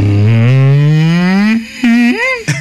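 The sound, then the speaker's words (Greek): On the morning show of radio station Sfaira 102.2, a person imitates a depressed cow mooing: one long, low, mournful drone that slowly rises in pitch, followed by two shorter wavering moans, loud with no other sounds. “Αγελάδα σε κατάθλιψη.”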